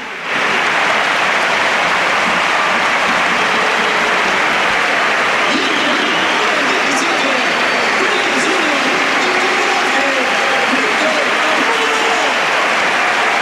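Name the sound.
stadium crowd ovation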